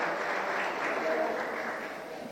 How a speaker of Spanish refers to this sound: Despedimos al señor Presidente con un fuerte aplauso, por favor, a las autoridades presentes.